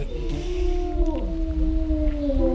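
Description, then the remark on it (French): A pair of gray wolves at a wildlife centre howl together in long, sustained, gently wavering tones that overlap in harmony, carrying steadily over a low rumbling background with no talking. “Donc ici c'est un couple de loups gris.”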